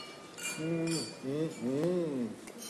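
Several light glass clinks ring out, wine glasses touched together in a toast, mixed with overlapping voices murmuring underneath.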